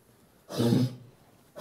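A single deep, rough cough-like burst from a female brown bear having a small coughing fit in her dusty, straw-filled hut, loud, followed by quiet and the start of another rasping exhalation at the end.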